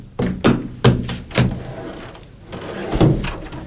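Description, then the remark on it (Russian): Heavy knocks on a wooden door: four dull thumps, slightly uneven in spacing, then a short pause and two more loud raps. “Мама, мама, кто-то стучит в дверь.”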